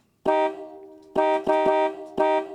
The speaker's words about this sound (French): Et les premiers klaxons montaient au-delà de 100 décibels. Hein. Donc, on était vraiment dans des niveaux importants de pollution sonore, là. Un petit peu comme ça.